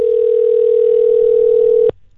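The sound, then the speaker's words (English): A telephone dial tone hums steadily on one pitch for about two seconds, loud, then cuts off abruptly as the line connects on a phone call to a contest winner. No voices are heard. “Now, I had a phone call with our winner earlier today. Take a listen.”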